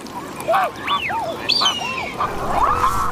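Mute swans calling on Wuliangsuhai lake, their largest breeding ground in China, a series of short rising-and-falling honks overlapping one another, clear over a soft outdoor background, with no one speaking.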